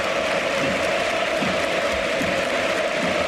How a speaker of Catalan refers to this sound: Ovació per Gordon, amb la gent dreta també aplaudint, acomiadant Gordon, i ara... aplaudiments menys, però també sí, per Adeyemi.